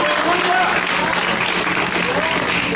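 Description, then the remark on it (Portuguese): A church audience claps steadily in praise of Jesus, a dense, continuous wash of many hands applauding at a fairly loud, even level, with some voices faintly mixed in. “E a igreja pode glorificar com mais palmas para Jesus.”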